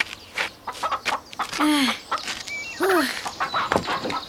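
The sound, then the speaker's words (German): Chickens pecking at the ground behind a fence in a farmyard cluck, a busy scatter of short clucks and two longer, drawn-out squawking calls rising above them, with no talking. “Und dann versuch mal, ob du einen Huhn erwischst.”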